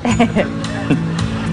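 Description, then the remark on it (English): A loud, exaggerated dad-style sneeze acted out by a voice, a dramatic full-body sneeze that sounds more like a scream, drawn out and strained, with sharp bursts of breath over a steady, pitched vocal tone. “This is how dad sneezed, right? A dramatic full body reaction sounds more like a scream than an actual sneeze.”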